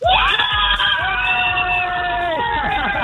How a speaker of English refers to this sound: And that's why I'm here in Disneyland Paris with all the gang. And I've got some of the gang from the Cork City Hospital's Children's Club here. So I want you guys to give me a cheer for how much you're loving it so far. 2 days in.